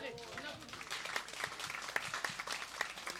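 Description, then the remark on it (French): A crowd applauds steadily for a few seconds, dense overlapping claps forming a bright, crackling wash with a few sharper individual claps standing out; faint voices murmur underneath at the start. “On peut applaudir ça.”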